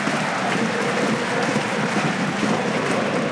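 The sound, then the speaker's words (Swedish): AIK football supporters jump, bounce and applaud at an Allsvenskan match against Västerås, in a steady, dense wash of clapping and crowd noise that holds at an even level throughout, with no clear voices rising above it. “Framför dem nu hoppande, studsande, applåderande supportrarna AIK som kan njuta av att ha ett fotbollslag som inte har förlorat på ett antal veckor och som har klättrat och klättrat i den allsvenska tabellen.”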